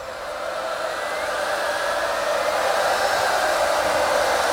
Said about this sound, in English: live from Radio 1's Big Weekend in Liverpool just last year. I tell you what, that crowd were going crazy. Listen to them, listen to them.